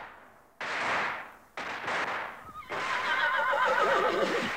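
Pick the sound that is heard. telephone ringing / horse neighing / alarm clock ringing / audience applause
horse neighing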